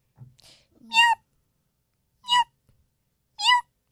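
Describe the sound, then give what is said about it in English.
Cats walking toward the speaker meow three times in a row, each call short, clear and nasal, spaced roughly a second apart, with only a faint low murmur before the first one. “Hey, look who's walking to us, the kitties.”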